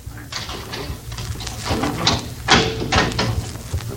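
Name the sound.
door being opened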